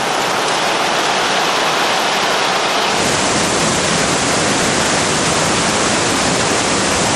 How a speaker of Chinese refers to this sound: 钱塘江大潮源自月球引力和地球自转的双重作用，加上杭州湾喇叭口的特殊地形，最终造成壮观天下无的特大涌潮。